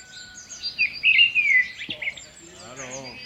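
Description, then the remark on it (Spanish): Birds chirp and trill in quick, bright bursts, several calls overlapping at moderate volume, before a person's voice briefly murmurs underneath near the end. “Nah, a mí los pajarinos y cosas así.”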